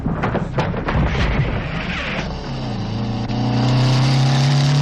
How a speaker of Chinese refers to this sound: 傍晚，廖飞骑着摩托车来到了砖窑前